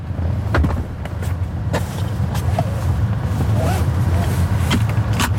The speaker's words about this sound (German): Türen auf- und zu machen und sich angurten. Das muss man im Robotaxi noch selber machen.